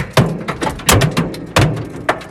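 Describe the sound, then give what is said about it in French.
Hailstones 5 to 7 cm across, from violent storms, slam against cars in the Aubenas basin, southern Ardèche, France, in loud, sharp metallic bangs, about half a dozen irregular hits over a constant rattling patter of smaller stones, with no voices. “Ce bruit impressionnant, la grêle qui se fracasse contre les voitures, cabossées par brises parfois explosées dans le bassin d'Aubenas.”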